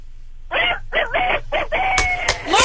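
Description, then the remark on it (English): A man does a loud rooster impression as a contest entry for concert tickets, a strained multi-part cock-a-doodle-doo with rising and falling pitch, ending in a drawn-out note. A couple of sharp clicks cut in near the end. “give us your best rooster.”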